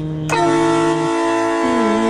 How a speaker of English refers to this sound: I think it's a train horn because it's a horn designed for a train. Sounds like it was designed for a stadium to me. This is a train horn. That's the old one.